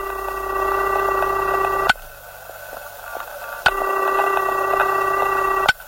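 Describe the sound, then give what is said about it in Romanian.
A telephone ringing tone sounds twice in long, steady buzzing bursts separated by a pause, with sharp clicks at the breaks, heard clearly over a quiet line and no talking. “Sună, am și eu noroc.”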